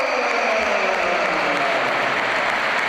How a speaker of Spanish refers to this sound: se va a retirar Arda Güler, buen partido también, hoy jugando en otra posición, jugando en el doble pivote. Ovación para Güler.